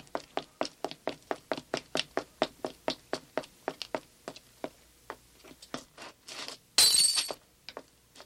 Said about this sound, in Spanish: Será mejor que corra hacia la esquina y rompa la alarma de incendio.